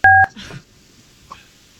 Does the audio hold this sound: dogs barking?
no